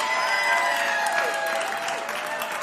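An audience applauds after a live band performance on Bill Street Caravan, a dense, steady wash of clapping that stays loud for the whole moment, with faint sustained ringing tones beneath it.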